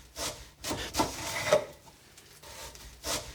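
A knife saws through a loaf of old bread in very thin slices for making bread chips, giving about six scratchy, rasping strokes in an uneven rhythm, fairly soft, with no one talking.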